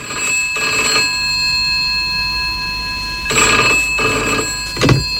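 A telephone, rung as a prank call for the Alo Şaka segment, rings in repeated electronic bursts, two trills separated by a long pause, then two more close together, loud with no voices.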